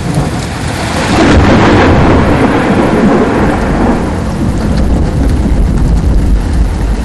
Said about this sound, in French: Hier soir, la foudre a frappé, je veux dire littéralement. Premier degré, bam! Climax.